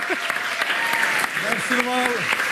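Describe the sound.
Sustained audience applause calling a performer back onto the stage, a dense wash of many hands clapping at once, with a few voices calling out and cheering over it.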